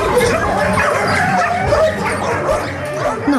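Many dogs in an animal shelter bark, yip and whine at once, a dense, echoing, overlapping chorus that never lets up, loud throughout.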